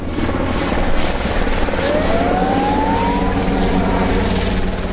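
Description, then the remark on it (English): A helicopter roars overhead while dumping water on advancing wildfire flames around the town of Los Gallardos in the province of Almeria, its rotor thumping in a steady, loud drone that fills the whole recording, with a faint rising whine partway through and no voices. “Now, the blaze changes direction with the wind, and online footage shows fire engines arriving to confront advancing flames while helicopters dump water from above.”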